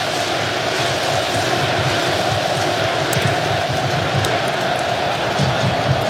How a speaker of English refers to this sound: And right on cue, the crowd recognizing they want to give the team a lift.